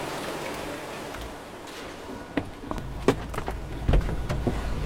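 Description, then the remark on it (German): Scattered creaks and sharp little clicks from the dashboard of a large van sound over a steady low engine rumble, growing busier as the van drives off. No one speaks. “Das Armaturenbrett knarzt beim Losfahren.”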